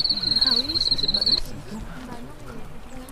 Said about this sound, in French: On a la famille insecte, là. Pour la famille insecte. La grenouille.